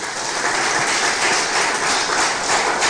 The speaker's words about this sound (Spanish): ¿Cuántos aman a su Padre? Otro aplauso, por favor, al Padre Celestial.